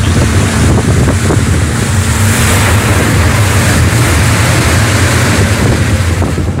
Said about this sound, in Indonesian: Angin dan badai mulai membuat perahu mereka mulai terombang-ambing dan bahkan air mulai masuk ke perahu.